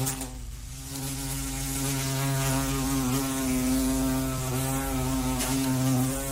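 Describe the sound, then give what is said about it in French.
A steady insect buzz of wasps and bees drones continuously, its pitch wavering slightly as they hover, with no voices present. “Voilà un bruit qu'on redoute hein, pendant l'été, c'est celui des guêpes et des abeilles.”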